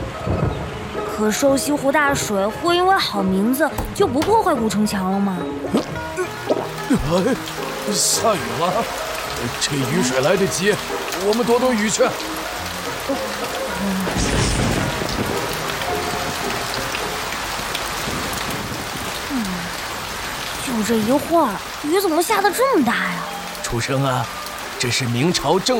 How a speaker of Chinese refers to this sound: 哎，下雨了，这雨水来得及，我们躲躲雨去。就这一会儿，雨怎么下得这么大呀？